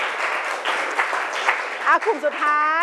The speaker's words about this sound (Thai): โอเคปรบมือหน่อยค่ะปรบมือสองกลุ่มนี้ก่อน